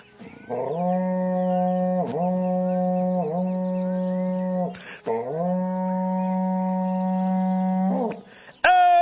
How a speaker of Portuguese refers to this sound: para vocês agora um berrante daqueles, olha só.